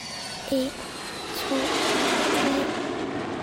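A broad, steady roar of airplane engines starting up, swelling louder partway through, with three short two-note chimes sounding at regular intervals over the rumble.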